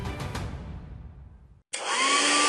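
A hair dryer blows, winds down and cuts out, then after a short silence roars back on with a loud, steady, high-pitched rush of air. It is being used to dry someone's hair.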